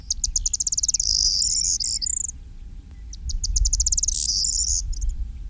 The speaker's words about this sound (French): il y a un autre bruant qui est bien commun dans notre région, et notamment sur les milieux agricoles, qui se maintient relativement bien, c'est le bruant proyé.